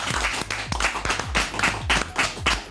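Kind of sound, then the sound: crowd, audience clapping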